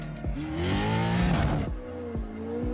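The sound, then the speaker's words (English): A loud off-road racing truck engine revs hard, its pitch climbing steadily through a throaty, rough roar before dropping back to a lower rumble that keeps growling on its own with no voices. “There's no question that this truck is the king of suspension and racing off-road.”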